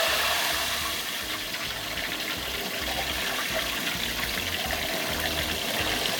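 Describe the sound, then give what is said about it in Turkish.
Sauce-coated lamb being fried in hot oil sizzles with a steady, loud hiss and fine crackle that runs unbroken from start to finish, with no one talking. “Şimdi burada kuzumuz artık sıcak yağıyla buluşacak.”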